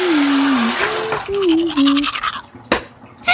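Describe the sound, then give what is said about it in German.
Scratchy scrubbing of someone brushing their teeth at a sink, with a person humming a wavering tune over it and a sharp knock near the end. “Ups, jetzt ist der Wasserhahn ausgeputzt. Mit meiner Zahnpasta.”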